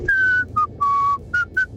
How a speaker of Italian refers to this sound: Questo è un bel fischio. Eh sì.